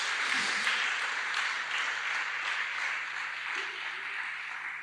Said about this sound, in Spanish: Le damos ese aplauso a Jesús porque Él hizo que se pueda.